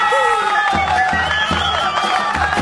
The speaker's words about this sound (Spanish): Los aplausos.